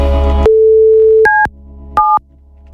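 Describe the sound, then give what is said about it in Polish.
A brief crackle, then a steady telephone line tone that gives way to short, loud two-note beeps repeating at regular intervals. No one speaks. “Czy działa telefon oczywiście?”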